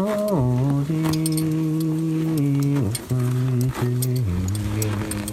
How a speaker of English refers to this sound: The horses are there, have their tack jangling as they eat grass, and the wind is gently blowing, and we're just watching this herd of animals.